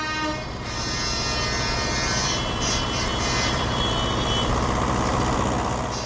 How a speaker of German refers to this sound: Ja, ist schon ein Grund, weil man einfach extrem stärker sieht und hörbar ist. Hörbar natürlich auch. Also Dieselmotoren, Hupen und so weiter.